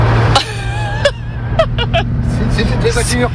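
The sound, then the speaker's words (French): Windshield wipers on a low vintage car with chrome-ringed fittings sweep back and forth with a few squeaky, scraping strokes at an uneven pace, over a steady low engine hum inside the cabin. “Le bouton est venu dans les mains de Christian, donc il y avait les essuie-glaces”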